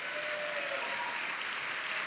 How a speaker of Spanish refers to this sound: Vamos, dele palmas a Él.